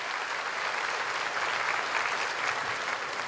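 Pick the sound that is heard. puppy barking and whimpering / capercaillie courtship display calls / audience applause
audience applause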